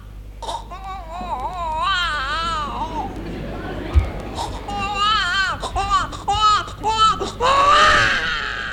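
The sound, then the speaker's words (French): A voice mimics the wailing cry of a newborn baby one or two months old in warbling, rising and falling bursts, fairly loud, with short breaths between the cries and a steady low hum underneath. “capable, par exemple, de nous faire la voix, de nous imiter la voix d'un tout petit enfant, un nouveau-né?”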